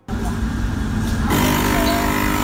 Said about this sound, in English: And here's the coffee machine.